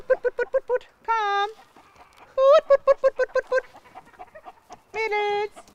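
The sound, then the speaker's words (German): Chickens from a flock of about 150, around 120 of them hens, of old endangered breeds, cluck in quick bursts of short, rhythmic notes, broken up by a few longer, drawn-out squawking calls. The sounds are fairly loud against a quiet background. “Sie hat 150 Hühner. 150 Tieren, 120 Hennen ungefähr und 30.”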